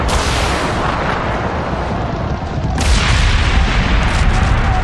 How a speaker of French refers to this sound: L'explosion provoque une coulée de neige, que dis-je, une avalanche!